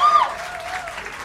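A short burst of audience applause, a dense steady wash of many hands clapping, with a brief high whistle-like tone at the start that fades into the clapping.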